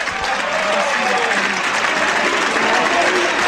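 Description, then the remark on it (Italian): The crowd at the Del Duca stadium applauds steadily as Ascoli's number 25, Andrea Rizzopinna, is substituted off, a dense wash of clapping and cheering at even loudness throughout, with faint talk mixed underneath. “Rizzopinna esce, secondo me è stato uno dei migliori in campo, il numero 25, applauditissimo dal Del Duca.”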